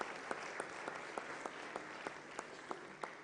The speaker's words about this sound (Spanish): Les damos un aplauso, por favor. Muchas felicidades.